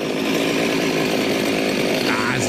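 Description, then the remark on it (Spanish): A voice imitates a chainsaw being started: a loud, continuous buzzing rattle that holds steady for a couple of seconds with a slight rise near the end. “Cuando van a prender una motosierra, güey.”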